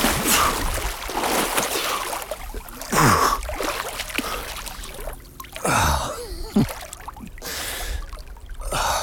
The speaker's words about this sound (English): I make my way along the shore where the lake shallows. The sand is the color of amber. It feels amazing on my bare feet. After beaching the canoe, it's finally time to dive in.